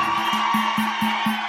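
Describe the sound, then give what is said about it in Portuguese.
An audience claps steadily, with a dense wash of applause carrying a regular, quick rhythmic beat, as if the crowd is clapping in time, over a low sustained tone. “Obrigado, mais palmas, gente.”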